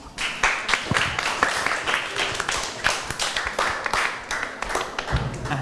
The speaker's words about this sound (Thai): ปรบมือให้กับเพื่อนกลุ่ม6ขอแทนครับปรบมือให้เพื่อนกลุ่ม5อีกรอบครับ